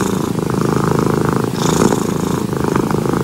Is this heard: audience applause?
no